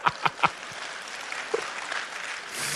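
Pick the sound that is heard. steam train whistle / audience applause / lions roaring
audience applause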